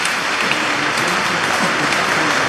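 A crowd applauds steadily, a dense wash of many hands clapping at once, loud and continuous throughout with no pauses or talking, at a church Mass, for those about to consecrate themselves to Jesus.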